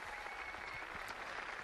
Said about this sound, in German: Dieser Einladung des Papstes stimmt das versammelte Volk Gottes mit Applaus zu.